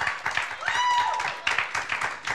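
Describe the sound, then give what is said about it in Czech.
A crowd at the Majáles student festival in České Budějovice claps steadily for a band after its song, in dense, overlapping bursts, with cheering and a whistle rising briefly through the applause. “Potlesk prosím za to, že přihlásili svoji písničku.”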